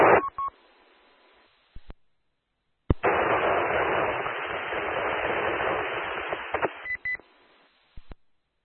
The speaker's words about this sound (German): Kam nicht rüber, das war nur Rauschen.